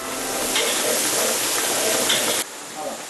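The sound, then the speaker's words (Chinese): Steady sizzling and bubbling of Erhai Lake fish simmering in a wok for sour and spicy fish, as a large spoonful of dried chili powder goes in just as the fish is cooked through; a dense continuous hiss holds for a couple of seconds before abruptly dropping to a quieter simmer. “大勺的干辣椒粉，在鱼肉刚刚熟透的时候下锅。”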